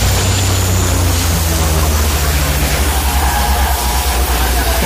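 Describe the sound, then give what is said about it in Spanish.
Firefighting at a wildfire some years ago, with firefighters and their 'focas' dropping water from above: a loud, continuous rushing roar of water and flames over a deep, steady engine drone, unbroken for the whole stretch, with no clear voices. “Sí, esa es una secuencia de un incendio de hace unos años, y estamos con los bomberos, con las focas que nos echan el agua encima.”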